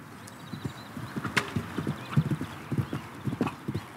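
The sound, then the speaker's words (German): Horse hooves clip-clop in a steady, uneven rhythm on firm ground in a riding arena on the island of Föhr, clear, with a few louder strikes and faint background ambience; no one speaks. “Heute stellen 15 Föhrer hier ihre Pferde unter und trainieren auf dem neuen Springplatz und in der Reithalle.”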